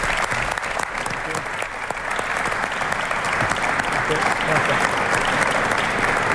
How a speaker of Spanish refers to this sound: Así que voy a invitar a Luis de la Fuente, seleccionador nacional, para que esté aquí con nosotros, y pido para él, por supuesto, un fuerte aplauso.